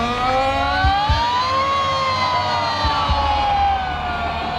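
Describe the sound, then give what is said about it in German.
A loud, sustained siren wails steadily, its pitch slowly rising and falling over a low rumbling background with a few dull thumps. No one speaks. An alarm siren sounded in Basel to recall the night of a fire, with the crowd invited to sing or shout along. “Es wäre lässig, wenn ihr jetzt bei dieser Sirene, bei diesem Alarm alle mitsingen oder mitschreien dürft.”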